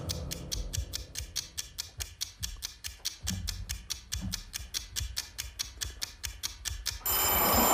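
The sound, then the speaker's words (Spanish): A fast, steady mechanical ticking of a 7-second countdown timer for a vote runs for about seven seconds. Then a loud, bright vintage bell starts ringing continuously at the very end to mark that time is up. No one speaks. “Qué bonito suena el timbre este vintage que tenemos.”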